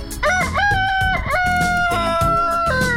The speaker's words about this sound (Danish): En hane, der galer i nabolaget. Det er det mest hyggelige lyd nogensinde, synes jeg.